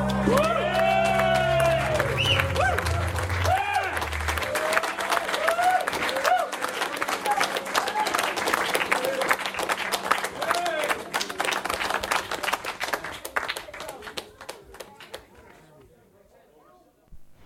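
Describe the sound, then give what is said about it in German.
A crowd of people standing outside a studio, listening through an open window, claps steadily while voices whoop and cheer over it. The applause gradually thins out and fades to scattered claps, with one small late clap, before falling silent. “Cute, wie der Applaus ausgeplätschert ist.”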